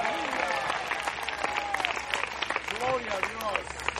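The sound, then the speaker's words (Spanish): A church audience applauds in praise of the Lord, a dense wash of many hands clapping at a sustained, fairly loud level, with scattered voices and cheers rising through it. “El fuerte ese aplauso si es para él.”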